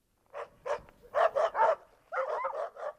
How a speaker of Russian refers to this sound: Гляди, Илья, собаки!